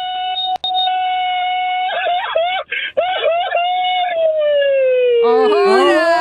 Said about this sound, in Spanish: échate un grito mariachero, papá. Ahí les va, ahí les va, sin tequila, ¿eh?